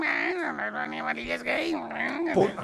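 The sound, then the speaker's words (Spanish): A person imitates a cat's meow with a drawn-out, wavering vocal whine, repeated in a couple of rising and falling swells, fairly loud, with no other sounds. “¿El gato maullaba así?”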